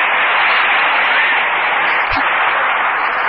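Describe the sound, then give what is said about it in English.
An audience applauds in a dense, steady roar of many hands clapping, registered on an applause meter at a contest, holding an even loudness for the whole stretch with no voices over it. “All right, Colonel, now what does the applause meter show?”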